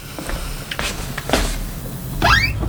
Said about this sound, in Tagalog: wala ka bang susi? Bakit kumakatok ka pa?